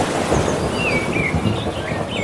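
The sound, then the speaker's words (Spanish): Birds chirp and warble in short whistled phrases over a steady low rumble of thunder, with a constant background wash like rain; no one speaks. “Y algún trueno.”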